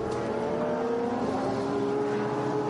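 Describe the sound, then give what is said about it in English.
A race car engine drones steadily on a circuit, its buzzing harmonic pitch climbing and shifting midway as it accelerates, loud and continuous throughout with no voices. “It does look as though that session is done with Grenier, the fastest car out on the circuit.”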